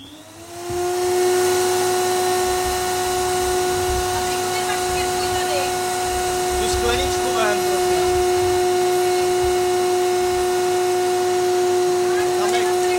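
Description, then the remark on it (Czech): A vacuum cleaner switches on after a second and runs steadily with a loud, droning motor whine and airy hiss as a studio is cleaned, while people talk briefly over it. “Máš ten vysavač”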